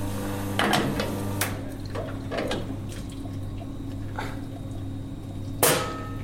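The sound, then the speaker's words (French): An espresso machine hums steadily while a portafilter is rinsed, with water running and a few sharp metallic clacks and knocks scattered throughout, one louder clank near the end. “Donc là, je rince mon porte-filtre.”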